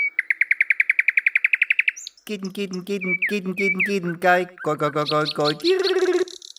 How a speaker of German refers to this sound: Die Singdrossel ist eine Verwandte der Amsel. Sie ist unauffälliger, weil sie also einen braunen Rücken hat und eine beige, dunkelgetropfte Brust, also sehr unauffällig. Aber ohne der Amsel zu nahe zu treten, die Singdrossel singt schön